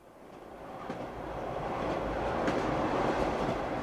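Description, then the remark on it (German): A train rumbles steadily along the rails through La Mancha, a wide plain with many windmills: a broad low roar that grows slightly louder, with faint rhythmic clacks and brief metallic ticks from the wheels. No voices. “Der Zug fährt durch die La Mancha, eine weite Ebene mit vielen Windmühlen.”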